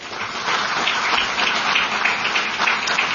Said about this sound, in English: Big round of applause for Firefly.